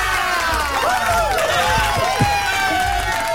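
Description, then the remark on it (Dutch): A crowd applauds with steady, dense clapping, mixed with excited cheering and overlapping voices, filling the whole few seconds at a fairly loud level. “Wil je ook applaus?”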